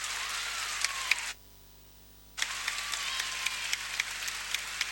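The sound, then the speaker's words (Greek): A crowd breaks into steady, dense applause for the player Popović at a game involving Bosna, stops abruptly for about a second, then starts up again just as strongly, with sharp individual claps standing out from the mass. “Χειροκροτήματα για τον Πόποβιτς.”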